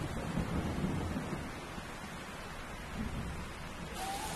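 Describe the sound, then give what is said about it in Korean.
Steady, dense rainfall from a tropical storm in a rainforest hisses across the whole scene while a low rumble of thunder rolls underneath, swelling early and again briefly later, with no voices present. “열대우림에선 지속적인 위협이자 동시에 축복인 존재가 있습니다. 바로 열대폭풍입니다.”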